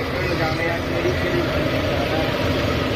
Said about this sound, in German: Jetzt um diese Uhrzeit fahren nämlich schon die Traktoren den Strand entlang. Die präparieren da den Sand für heute, sodass wir da alle nachher gemütlich liegen.